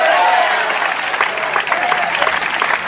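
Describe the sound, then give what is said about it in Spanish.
An audience applauding strongly for Christ of glory during a sermon, a steady dense wash of many hands clapping at a loud, even level, with a few faint voices mixed in. “Del fuerte se aplausa al Cristo de la gloria.”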